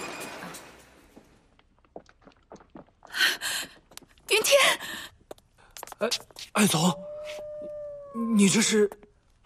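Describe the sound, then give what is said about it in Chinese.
A wolf howls in a drawn-out, wavering tone near the end, after several loud, breathy vocal bursts, with short quiet gaps between them. “哎，后面的狼嚎怎么这么熟悉啊？”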